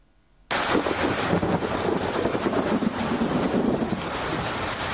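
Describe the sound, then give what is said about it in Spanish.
Heavy rain pours steadily and loudly after a brief quiet start, with deep rolling thunder rumbling underneath throughout, during a storm in Mérida; no voices are heard. “Es el caso, por ejemplo, de Mérida, donde no para de llover y tronar.”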